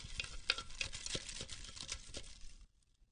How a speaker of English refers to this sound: All right, they are all crumbled up into little balls in the bowl. Little tiny pieces of paper. Let's mix them up.